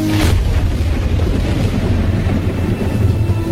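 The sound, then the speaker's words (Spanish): A loud, sustained low rumble of thunder rolls on without a break, opening with a brief sharp crack before settling into a deep, steady growl. No voices are heard. “Todos los israelitas fueron testigos de los truenos y relámpagos, del sonido de trompetas y del monte envuelto en humo.”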